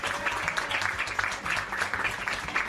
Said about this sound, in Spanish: un fuerte aplauso para él, en el tiempo que estuvo.